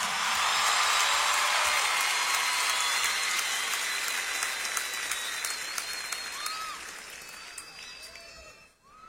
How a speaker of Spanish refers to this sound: Un aplauso para Alex, por favor.